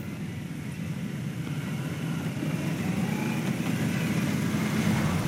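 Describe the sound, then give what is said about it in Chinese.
A ceremonial motorcade of official cars with a ceremonial motorcycle escort carries July 1 Medal recipients to the Great Hall of the People around 9 a.m., its engines forming a steady, low rumbling drone that grows slightly louder over several seconds, with no voices. “上午9时许，7.1勋章获得者集体乘坐礼宾车从驻地出发，由礼宾摩托车队护卫，前往人民大会堂。”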